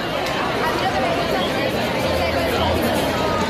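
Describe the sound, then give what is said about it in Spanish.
Dense crowd chatter at a night-time protest camp in the Plaza de la Constitución in Málaga, Spain, many overlapping voices blending into a steady, loud murmur with no single speaker standing out. “Así está sonando esta noche la Plaza de la Constitución.”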